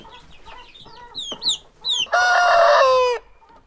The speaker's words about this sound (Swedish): Oj. Här har vi kycklingar.